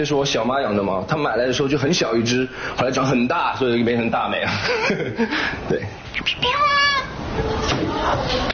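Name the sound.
domestic cat meowing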